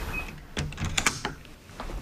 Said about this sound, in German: Und da ist die Tür wieder zu. So funktioniert die sogenannte Telemedizinkabine. In diesem Fall in einer Apotheke in Heringen im Landkreis Hersfeld-Rotenburg.